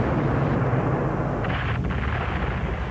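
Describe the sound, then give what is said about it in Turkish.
Continuous heavy booming and rumbling of sustained cannon fire at Djerba bay against a Crusader fleet, dense and loud throughout with a low roar underneath and no clear gaps between blasts. “Yine top ateşine başladılar Amiral Doria.”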